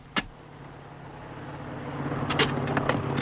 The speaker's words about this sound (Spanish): Sí, señor. Nos va persiguiendo un carro blindado. ¿No ha pasado aún por ahí?